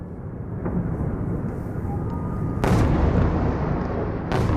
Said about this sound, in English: Russia fires a barrage of missiles and drones at Kyiv in the middle of the night. It's the second mass assault on Ukraine's capital in the past few days.